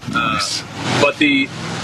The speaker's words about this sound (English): one second, I got a truck going by.